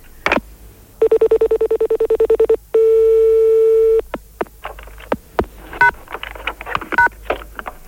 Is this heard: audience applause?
no